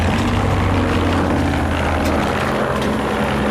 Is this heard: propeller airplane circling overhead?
yes